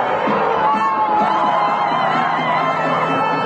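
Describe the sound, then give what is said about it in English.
A large crowd in Madrid cheers and shouts continuously as Spain defeats Argentina after extra time in the World Cup final, a dense roar of many voices with whoops rising above it, loud and sustained throughout. “They were cheering in Madrid as Spain defeated Argentina after extra time in a tense final, giving Spain its second World Cup crown.”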